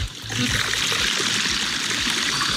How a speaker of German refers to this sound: Und da kommt der Regen sofort rück. Jawohl, es gießt.